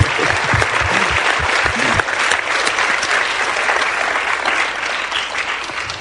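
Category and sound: crowd, audience applauding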